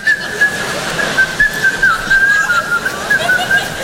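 Someone whistles a lilting tune, the melody wavering up and down in a steady high line for several seconds, close and clear over a faint background hum.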